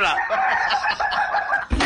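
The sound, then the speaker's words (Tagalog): Chickens cluck and crow continuously, a busy overlapping chorus of raspy calls, ending in a brief burst of rustling noise. “Padunggon ta mo stock sa kong mga manok.”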